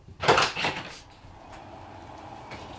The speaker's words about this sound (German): Bald erreicht der Rettungswagen das Elisabeth-Krankenhaus. Hier wird die 52-Jährige untersucht. So, jetzt geht gleich hinten die Tür auf. dann wird uns ein freundliches Lächeln begrüßen.